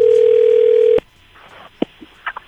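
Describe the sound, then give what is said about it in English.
A loud, steady telephone dial tone hums for about a second, then cuts off abruptly, followed by a few faint clicks and short electronic blips on a quiet line, as a prank call is placed to a travel agent. “It's our phone prank. The phone, Jibba.”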